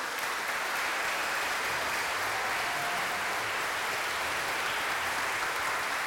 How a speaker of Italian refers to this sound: Sicuramente un applauso per il nostro pastor.